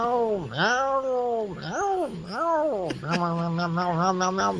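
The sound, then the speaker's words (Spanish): A person imitates a cat meowing: about four drawn-out, rising-and-falling meows in quick succession, fairly loud, ending in a wavering, quavering held cry. “Así más o menos. Miau, miau, miau, miau. Yo creo que es esa gatita”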